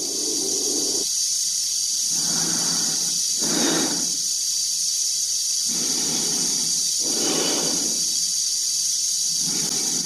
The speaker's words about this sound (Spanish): A través del cristal de la cápsula y del de su casco se ve la cara tensa de Dave, cuya respiración se amplifica por los transmisores.